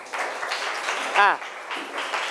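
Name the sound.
classroom applause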